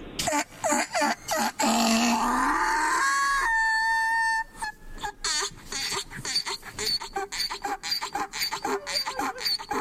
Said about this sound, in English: Are you familiar with the donkey mating call?